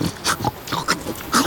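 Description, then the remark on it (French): A hedgehog zigzagging along a dirt path sniffs noisily in all directions, a quick uneven series of short wet snuffles and snorts, about five bursts in a second and a half, with no voices. “Le hérisson zigzague à droite à gauche sur le chemin de terre. Il renifle bruyamment tous azimuts.”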